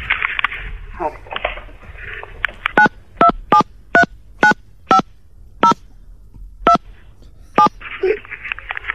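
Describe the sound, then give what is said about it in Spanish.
A rapid series of short two-tone telephone keypad beeps, about a dozen crisp evenly spaced presses, sounding over a low background hum with some speech-like noise before and after. “Pero le ponemos los tonos nosotros.”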